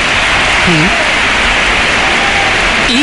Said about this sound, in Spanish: Bueno, ayer en el Bernabéu contra el Real Oviedo, Kylian Mbappé fue recibido pues con todo menos con amor. Primero Gonzalo. Aplausos.